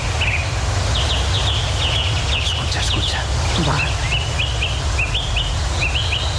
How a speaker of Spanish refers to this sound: Todos a la vez, Begoña, el mirlo, el ruiseñor, las oropéndolas, el alcaudón, el picapinos, entre otras muchas especies